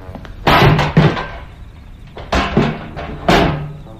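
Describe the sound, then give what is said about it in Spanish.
A heavy metal train wagon door, left half open and unbolted, is worked open by two robbers in several loud, clanking bursts, each a broad rattling scrape with a resonant ring, separated by short pauses. No voices. “Dos malhechores trepan ágilmente, accionando la puerta metálica que había quedado medio abierta y sin cerrojos.”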